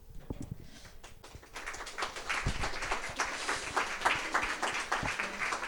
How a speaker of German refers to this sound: Wir haben noch nichts geliefert und wir bekommen schon Applaus. Nice.